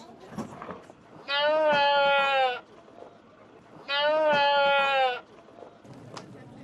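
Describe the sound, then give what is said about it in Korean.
Two loud, drawn-out bleats from a sheep and a goat at a livestock market where animals are brought on trucks, each lasting over a second with a wavering tone, separated by a short pause over a low murmur of outdoor background noise. “저 양은 팔렸나 봐요, 저 염소는.”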